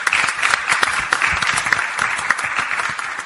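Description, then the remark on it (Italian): A crowd applauds Senator Domenica Spinelli, clapping steadily for a few seconds, a dense, even patter of many hands with scattered sharper claps standing out, with no voices over it. “ci tengo a ringraziare la senatrice Domenica Spinelli per l'ospitalità, a cui farei un applauso”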